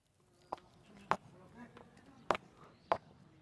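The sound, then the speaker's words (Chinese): Four sharp, crisp high-heel steps click at an uneven pace along the Baijianlou, Ming-style houses on both banks of the old canal in Nanxun ancient town, China, each ringing briefly with a hard echo, over a faint background murmur of voices. “安静的只剩下捶打衣物的声音，高跟鞋的脚步声如同穿越时空的隧道，发出清脆的混响。”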